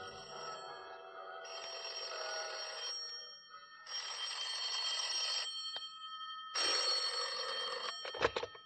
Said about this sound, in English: That was when the bells started ringing in the Buddhist temple that had been built on top of the Mark Hopkins.